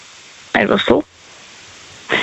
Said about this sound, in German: Weil jetzt regnet es gerade und es regnet so brutal.